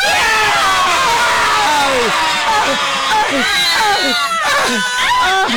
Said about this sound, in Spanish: Vamos a decir, vamos a gritar todos así. Y pitamos, es un desmadre, listo. Todos. El FUA. Una, dos, tres.